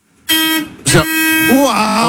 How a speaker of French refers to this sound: Il a appuyé sur le klaxon. Il y a le volant qui vibre.